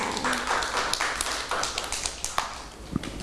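Scattered, uneven hand claps from a small group of children, soft sharp slaps at an irregular rhythm over a steady low hum, with no one talking.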